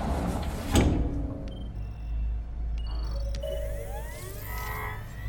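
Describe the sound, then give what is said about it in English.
The sliding glass door of a range room whooshes open with a sharp swish near the start as someone enters and taps on a holographic keyboard. Soft electronic beeps and rising synthetic tones follow over a steady low hum; no one speaks. “enters a range room with a sliding glass door and taps on a holographic keyboard.”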